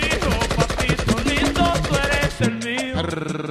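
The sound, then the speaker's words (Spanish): A loud, rapid string of firecrackers crackles off in a dense, machine-gun-like burst for a couple of seconds, then gives way to a brief tonal ringing. “Suelte unos petardos, maestro.”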